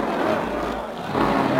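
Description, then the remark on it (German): A supercharged racing car speeds around the Avus race track in Berlin, its engine roaring steadily in a dense, continuous rush of noise that swells slightly toward the end, with what may be a faint crowd murmur beneath it. “Ah, wie der Wind rast er dahin. Jetzt hat er den Kompressor drin.”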